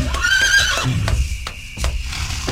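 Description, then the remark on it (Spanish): A horse carrying a rider lets out a loud, wavering whinny at midnight, followed by a few sharp, evenly spaced hoof clops on hard ground as it approaches. “Y poco después, escucharon que se acercaba un jinete.”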